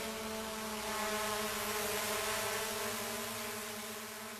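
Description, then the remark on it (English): A remotely operated police drone, one of two patrolling the skies over Moree, hovers overhead, its rotors giving off a steady, high-pitched whirring buzz that holds at an even, fairly loud level throughout, with no voices. “Two remotely operated police drones have been patrolling the air, and it's unsettling to some locals.”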